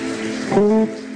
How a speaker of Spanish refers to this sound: Un fuerte aplauso al Rey de Reyes y Señores de Señores.